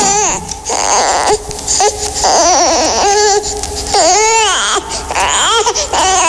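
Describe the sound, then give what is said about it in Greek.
A baby cries loudly, in a run of strained, wavering wails that rise and fall in pitch, with brief catches of breath between the bursts and no talking. “Νάνι μωρό μου, νάνι παιδί μου, τι έφτασε. Πάλι δεν θα κοιμηθώ απόψε.”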